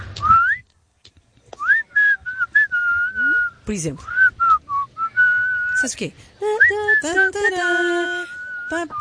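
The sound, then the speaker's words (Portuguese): A person whistles a message in clear phrases of sliding, rising and falling pitch, broken by a few short spoken words from other voices. “Por exemplo, temos alguém que assobia isto.”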